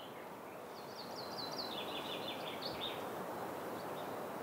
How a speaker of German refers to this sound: Aber ansonsten ist eine Ruhe hier traumhaft. Außer mir und den Vögeln ist offenbar noch keiner wach.